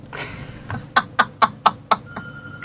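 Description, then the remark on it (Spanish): A telephone rings with a quick run of six sharp, evenly spaced electronic chirps, followed by a softer sustained tone, clear against a quiet background. “Ay, cómo suena ese teléfono.”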